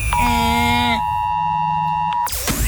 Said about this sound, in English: And then later on in the show, everyone is still talking about it. That's right, the Oz Alert Alarm.